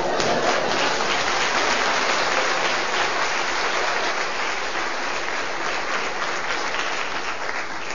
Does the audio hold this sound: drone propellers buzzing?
no